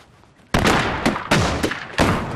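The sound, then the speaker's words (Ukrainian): Several sharp rifle shots ring out in quick succession during a shooting training drill, three loud cracks standing out, each followed by a rolling echo that fills the gaps, with no talking. “Стріляємо!”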